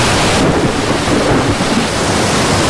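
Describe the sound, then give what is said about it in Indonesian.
A loud, continuous roar of a sudden storm at sea, with heavy crashing surf and gusting wind, dense with no voices. “Hei, ada apa ini? Mengapa tiba-tiba ada badai? Air sudah masuk ke rau.”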